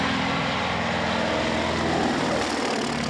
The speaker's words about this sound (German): Der Sound, die Motoren, das Fliegen in niedriger Höhe natürlich auch, der Ausblick.